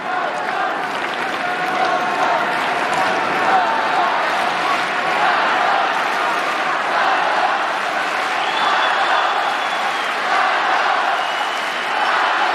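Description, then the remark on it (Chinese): A tennis crowd cheers and applauds loudly and steadily for the whole stretch, a dense wash of clapping and shouting voices that never lets up, reacting to a twenty-shot rally involving Zverev. “刚才这个多拍啊，也点燃了现场观众的激情。”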